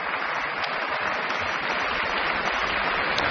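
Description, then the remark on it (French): Sustained applause from a large audience in the grande salle Pierre Boulez for young violinist Ava Bahari after Ravel's concert rhapsody, joined by the musicians of the Orchestre de Paris and its conductor; a steady dense wash of clapping at even loudness with no voices standing out. “La jeune soliste est aussi très applaudie par les musiciens de l'Orchestre de Paris que la chef Bahari fait se lever.”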